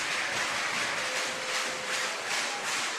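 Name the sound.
baseball stadium crowd noise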